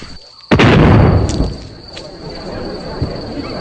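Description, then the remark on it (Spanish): A sudden, loud cannon blast booms out at nightfall and rumbles away over a second or so, followed by a few fainter thuds and pops as the firing continues. “Los cañones comenzaron a sonar apenas oscureció.”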